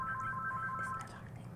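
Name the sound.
telephone ringing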